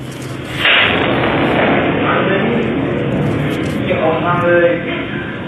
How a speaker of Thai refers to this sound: แต่พี่คนนี้เขาทำคอมอยู่ในอาคารอยู่ที่โต๊ะทำงานของเขาแล้วคอมระเบิดต่อหน้าต่อตาเลยค่ะโชคดีไม่มีใครได้รับบาดเจ็บค่ะ